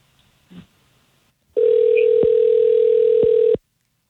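A steady, loud telephone dial tone hums for about two seconds after a faint click as a phone call is placed, then cuts off abruptly. No voices are heard.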